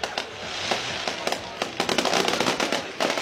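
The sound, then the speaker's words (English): Fireworks set off to celebrate a team's 44-3 win explode over the playing field in a dense, continuous barrage of sharp pops and bangs over a crackling wash, the bursts coming faster and louder in the second half. “I mean, this is a full-on show.”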